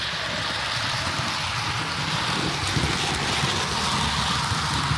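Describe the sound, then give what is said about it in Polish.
A model freight train runs steadily around a model railway layout and through a tunnel, giving a continuous whirring rattle with an even, unbroken texture and no voices. “No i jedzie pociąg towarowy. Przyjedzie dookoła, przejedzie przez tunel.”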